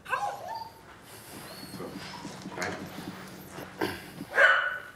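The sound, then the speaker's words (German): A detection dog searches for a hidden explosives sample, moving around with scuffling paws, soft snuffling, and a short high whine near the end. There is no talk over it. “Und dann kann ich den Hund bestätigen, wenn er es gefunden hat.”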